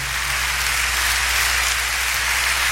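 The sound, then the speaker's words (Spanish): An audience applauds for the Lord during a worship night marking Faith Love Radio's anniversary, in a dense, steady wash of clapping that holds at an even, fairly loud level for the whole stretch, with a low hum underneath and no voices. “¿Cuánto le dan un aplauso al Señor por esa presencia?”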